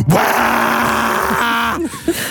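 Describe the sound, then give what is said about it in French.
An electric fan running on speed setting 3 gives off a strange low, groaning hum over a steady airy whoosh. The drone holds for about two seconds, wavers in pitch, then breaks off into a few short grunts. “Alors pourquoi est-ce que mon ventilateur actuellement fait ce bruit-là?”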